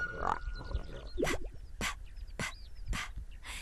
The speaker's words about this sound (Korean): 어? 아기 돼지다!